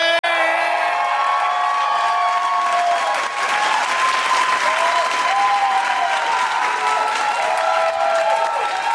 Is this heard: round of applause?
yes